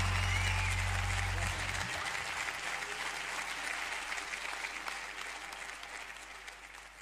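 Loud audience applause, a dense, steady clatter of many hands clapping that holds for several seconds and slowly tapers off, with a low hum cutting out early on.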